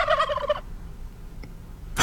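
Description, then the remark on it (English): A loud, rapid turkey gobble rattles out in one short warbling burst, then cuts off into near silence with only faint background hum. “Do you know who else hates Thanksgiving? No, who else? Well, how about the turkeys?”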